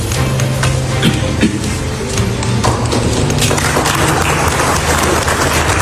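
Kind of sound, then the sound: crowd, audience applauding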